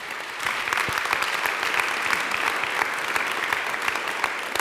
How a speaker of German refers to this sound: Großen Applaus an dieser Stelle.